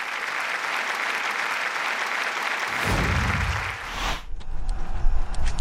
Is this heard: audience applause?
yes